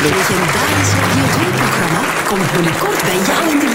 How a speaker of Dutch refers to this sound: De award is meer dan verdiend, Dankjewel, Sabine. Hoor, een groot applaus voor prachtig. Sabine Hagedoren.